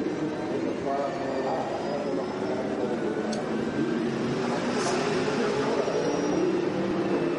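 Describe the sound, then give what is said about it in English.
An onboard racing car engine drones steadily at reduced revs as the driver nurses the car home to save fuel, a loud, continuous mechanical hum with road and wind noise and no big rises in pitch throughout. “Well, he's certainly not going on full revs, is he?”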